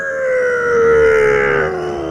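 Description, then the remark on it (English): A person imitates with their voice the plane flyover at an All Blacks test match: a loud, sustained droning tone that swells in the middle and slowly sinks in pitch over about two seconds. “It's supposed to be the plane flyover at the All Blacks test and match.”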